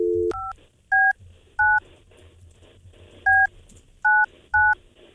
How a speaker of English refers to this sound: Pick up the phone, Big Mike. I'm hoping I dialed the right number.